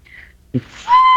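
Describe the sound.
A woman in a hotel lobby in Canada imitates an elephant trumpeting: a short low grunt, then a loud, brassy, high-pitched, echoing blare with bright harmonics that holds steady to the end.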